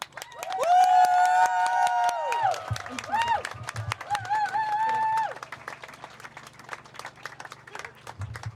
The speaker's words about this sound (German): jetzt dürfen wir auch einmal einen richtig lauten Applaus machen für alle, die die Reden gemacht haben